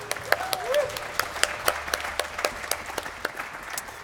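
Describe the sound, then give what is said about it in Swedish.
A concert audience applauds the arranger and conductor Hans Ek, many hands clapping in a dense, steady patter of sharp claps that holds at a moderate level throughout, with faint voices mixed in. “som är egentligen tillkommit så därför att arrangören och dirigenten Hans Ek som står här, som borde vi verkligen ge en applåd, tycker jag, kan vi inte göra det?”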